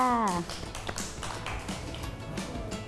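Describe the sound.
A group of children clap together at a teacher's prompting in a dense, irregular patter that continues steadily for a few seconds, following a brief voice at the start.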